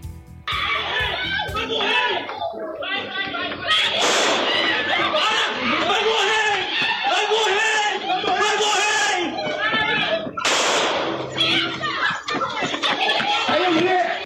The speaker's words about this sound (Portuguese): As imagens mostram um homem correndo e sendo perseguido pelos policiais que chegam a gritar "vai morrer". No vídeo ainda é possível ouvir disparos.